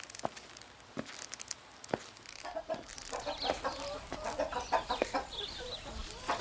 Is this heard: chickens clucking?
yes